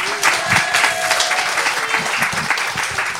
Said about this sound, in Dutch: Dames en heren, heeft ze een daverend applaus,